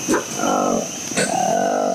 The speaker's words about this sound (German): So klingt das kleine Äffchen, das fast am ganzen Körper schwarzes Fell trägt. Nur rund um den Mund hat es orange Haut und auf den Wangen graue, sowie einen weißen Fleck am Hinterteil.